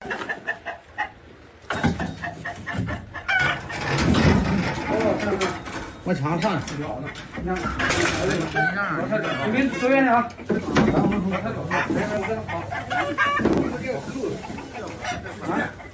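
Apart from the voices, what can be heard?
chickens clucking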